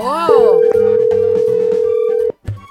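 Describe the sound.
A single long, steady ringback tone sounds for about two seconds on an outgoing phone call to a nine-year-old boy's cell phone, clear and loud, with a voice briefly at the start and faint background sounds beneath.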